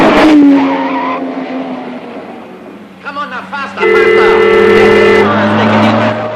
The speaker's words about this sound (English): The man's about to carry on crossing the street when a police car hurtles towards him. The man solemnly continues walking when a small pink convertible with another gorilla behind the wheel charges in his direction from another street.